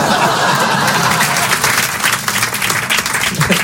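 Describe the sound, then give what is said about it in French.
Steady audience applause fills the whole stretch, many hands clapping at once in a dense, loud, continuous wash with a faint murmur of voices beneath. “Hein, mais elle a pas applaudi.”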